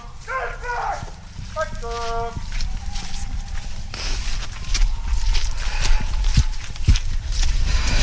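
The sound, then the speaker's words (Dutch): Horses' hooves clop and knock irregularly as horses are loaded back into wagons at the stables where a hunt began, with hollow thuds growing busier in the second half; voices and a few tonal calls are heard early on. “We zien dat er paarden weer in de wagens worden geladen.”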